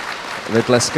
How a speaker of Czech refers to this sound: Vy tleskáte, já nevím, jestli jste rozuměli dobře.